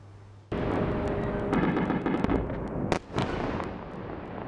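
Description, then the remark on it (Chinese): A sudden loud blast gives way to a sustained roaring rumble of explosions, punctuated by several sharp cracks and bangs, with one especially strong burst near the end, from a Russian ballistic missile attack on Kyiv, Ukraine, in the early morning. No talking. “凌晨起，基辅持续响起爆炸声。”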